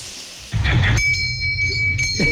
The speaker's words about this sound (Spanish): Buena campana.